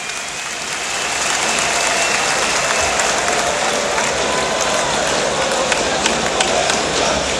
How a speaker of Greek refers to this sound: Πάμε να δώσουμε ένα χειροκρότημα στο Μαρκ Μόργαν.